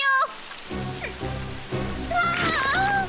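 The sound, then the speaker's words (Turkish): Mud rains down steadily onto a hard surface, a dense hiss of drops that continues throughout, with brief faint voice-like tones rising over it. “Çamur yağıyor.”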